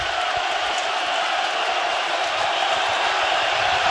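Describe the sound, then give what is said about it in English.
A loud stadium crowd at a baseball game roars without a break, a dense, steady wall of cheering and shouting that holds its full volume for the whole stretch, with no single voice standing out. “I've never heard this place this loud.”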